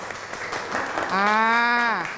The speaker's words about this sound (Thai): ขอเสียงปรบมือให้กับกลุ่มแรกอีกครั้งหนึ่งครับ